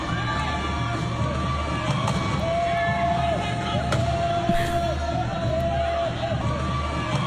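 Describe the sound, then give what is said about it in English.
A handful of sharp, heavy thuds of wheelchairs colliding during rugby play ring out at irregular intervals over a loud, constant crowd roar with shouts and cheers. “I want everyone to listen out for the thuds because that's the wheelchairs contacting each other.”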